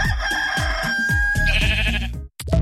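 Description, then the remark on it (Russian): A rooster crows loudly, then a sheep bleats, both over a steady thumping musical beat, before a brief cutoff. “Животные отлично перенесли путешествие, правда, петух немного пострадал. На него наступил баран.”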